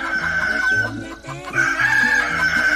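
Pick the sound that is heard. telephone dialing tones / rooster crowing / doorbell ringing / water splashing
rooster crowing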